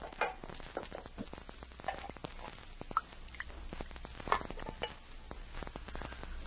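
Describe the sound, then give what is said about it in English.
Coffee boiling on a stove, a steady crackle of tiny pops and sizzling bubbles that keeps going throughout, with a few slightly louder snaps and no voices. “Say, that coffee's just about boiling.”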